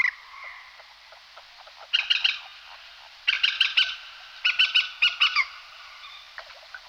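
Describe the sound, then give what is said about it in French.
A water rail gives three bursts of sharp, high squealing calls, each a quick run of piercing notes, over a steady hiss of background ambience. No one speaks. “On a entendu aussi un cousin de ces foulques, de ces galinules, un râlidé aussi.”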